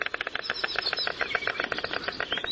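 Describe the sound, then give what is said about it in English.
White storks at a nest: a rapid, steady rattling clatter of sharp, dense pulses that runs the whole time, fairly loud, with no voices. “That's a continuous series of stork pairs nesting in one spot for 381 years.”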